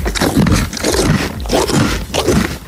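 A mare at a horse farm chewing bread loudly and greedily, with a steady rhythm of crunchy, grinding bites roughly every half second, coarse and scraping throughout, with no talking.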